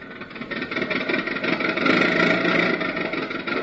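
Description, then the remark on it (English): A car engine runs with a steady, rumbling drone that swells slightly midway, loud, as the car barrels down a highway, with no voices over it. “So we find him all dressed up with his three nephews in his car, barreling merrily down the highway.”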